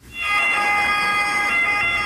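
An ambulance siren, played as an impostor sound in a bird-sound guessing game, blares loudly and steadily for about two seconds, a bright, high-pitched tone rich in harmonics that holds its pitch with only slight wavering, with no voices over it.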